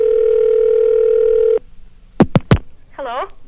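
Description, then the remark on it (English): A steady telephone dial tone hums for about a second and a half, then cuts off as a few quick dialing blips sound, followed by a brief warbling tone, as a call is placed to a listener in Oshkosh, Wisconsin. “In fact, let's get on the phone right now and see if we can get a winner in Oshkosh, Wisconsin.”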